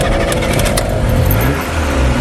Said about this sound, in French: Une vieille voiture. Et voilà, Simca de 1957. Et elle a plus d'un million de kilomètres.